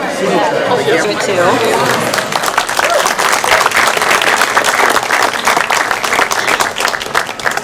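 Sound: audience applause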